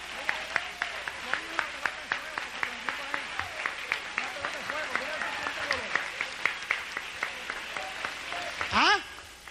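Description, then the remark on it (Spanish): An audience at a Spanish-language church service applauds Christ with steady, dense clapping for several seconds while voices call out over it, ending with a loud rising shout. “Dale un aplauso a Cristo si tú crees que Dios está hecho.”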